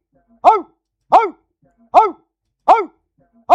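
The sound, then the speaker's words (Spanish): A dog barks five times in a steady, evenly spaced rhythm, each bark short and loud, with brief silences between them and no other sounds. “Eso ya hasta parece el ladrido de un perro. O bueno, es de un perro, ¿verdad?”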